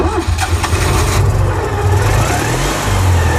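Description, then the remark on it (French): A Citroën 2CV's small petrol engine revs loudly, a throaty, buzzing drone that rises and falls steadily for a few seconds with no voices over it. “Ouais, ce doux bruit de moteur, oui, en effet.”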